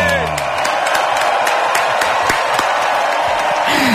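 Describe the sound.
A crowd at a morning live broadcast of the radio show Hoy por Hoy applauds a band steadily, with dense, continuous clapping and a few sharper individual claps standing out. Faint whoops or voices rise briefly at the start and end, and the applause stays loud throughout.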